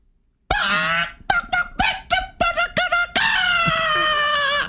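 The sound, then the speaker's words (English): A loud human voice, trying to call hens, imitates a rooster crowing: a long strained call, then a quick run of six or seven short staccato yelps, ending in another long, high drawn-out cry. “That sounded like a gallo, fool.”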